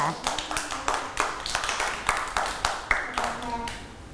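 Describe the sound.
A group of children clap their hands in a steady, quick rhythm, about a dozen sharp claps in a row, fairly close and clear, with some voices murmuring in the background.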